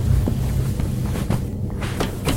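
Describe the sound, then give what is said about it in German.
A door being opened, heard as a handful of short clicks and knocks spaced across a couple of seconds over a steady low rumble, with no voices. “hast du die Tür jetzt geöffnet?”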